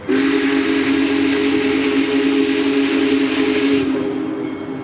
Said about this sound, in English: Then we see the headlights in the distance, and before we know it, the big boy, 133 feet long, comes barreling past us, bells ringing and steam whistle blaring.